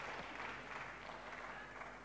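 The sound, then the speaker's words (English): Steady tennis crowd applause during the third game of the first set of a match between Mira Andreeva and Krejcikova, a dense wash of clapping with a slightly hollow, echoey quality, lasting a couple of seconds. “You may have heard the applause there, Sandy, just a little echoey.”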